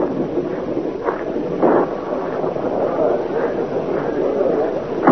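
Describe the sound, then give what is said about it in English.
A steady, dense hiss of rain fills the whole stretch, with a low rumble of thunder swelling now and then beneath the downpour. “Well, here comes some rain.”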